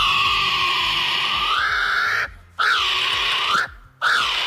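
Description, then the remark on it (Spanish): Loud, harsh bird calls ring out almost continuously, their pitch swooping up and down, broken by two brief pauses. No one speaks over them. “¡Los dos son pájaros!”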